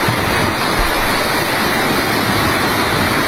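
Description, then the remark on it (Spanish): A heavy Thursday-afternoon storm with strong gusts of wind, rushing rainwater and hail, about 60 litres per square metre in an hour and a half, roars steadily, a dense, loud, continuous wash of noise with no distinct breaks or voices. “Fuertes rachas de viento, agua, incluso también granizo”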